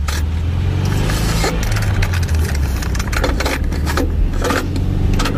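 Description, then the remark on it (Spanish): A car engine hums steadily, a continuous low rumble with occasional rattles and bumps as the vehicle drives along on a car trip, with no one speaking. “y todo comienza con un viaje en coche.”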